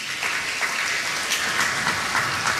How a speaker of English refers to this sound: Darling, darling children, can I hear all the boys clap?